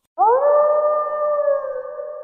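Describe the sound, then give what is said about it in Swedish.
A single long, steady wolf howl rises quickly and holds a sustained tone for about two seconds, loud, with no other sounds around it. “Vargen kommer.”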